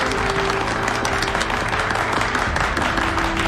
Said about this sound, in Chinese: 同志们辛苦了， 出工了， 鼓掌！